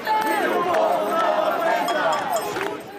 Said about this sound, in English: Shaking keys to homes they say they can barely afford, residents say the stress of paying rent has become unbearable as the cost of living goes up.